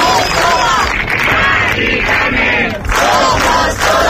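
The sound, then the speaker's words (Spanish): A large crowd of protesters in Madrid chants in unison, demanding action on the housing crisis with the cry "ni una Mari Carmen más"; many voices blend into a loud, sustained roar with rhythmic surges and brief dips between shouted phrases. “Eran 25.000 personas según la delegación del gobierno, 300.000 según los organizadores de la marcha, exigiendo medidas efectivas ante la crisis de vivienda al grito de ni una Mari Carmen más.”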